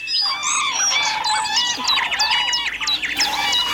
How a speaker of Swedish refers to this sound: Koltrast, björktrast, gransångare, svarthövdad rödstjärt, vattenrall, näktergal.